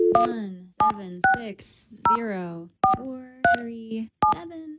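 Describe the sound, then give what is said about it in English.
Touch-tone phone keys beep one after another as a band's complaint hotline number is dialed, about seven short dual-pitched tones at an uneven pace, with a man's voice speaking over them throughout. “There's a phone number here. Should we try it?”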